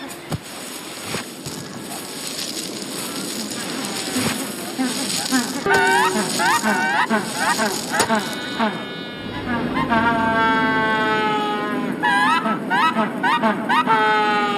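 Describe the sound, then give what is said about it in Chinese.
A crowded colony of thousands of Magellanic penguins coming ashore on a beach in Patagonia fills the air with overlapping braying, honking calls, some loud, rising out of a constant wash of colony noise and growing busier midway. “此刻，巴塔哥尼亚海滩上，成千上万只麦哲伦企鹅开始登陆，它们逐渐占领了大片海滩，并开始筑巢。”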